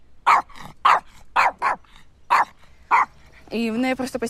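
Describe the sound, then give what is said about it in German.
A dog named Daisy, from Mariupol and traumatized, barks about six times in a fairly steady series, loud, with short pauses between barks; a person's voice starts speaking right after the last bark. “Entschuldigung, mein Hund Daisy stammt aus Mariupol und ist traumatisiert.”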